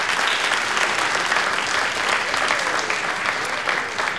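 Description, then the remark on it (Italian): Steady, dense applause from an audience at the Chanta con nos event, thanking the choir's conductor: a sustained wash of many hands clapping at an even loudness for several seconds without pause. “Un gran applauso.”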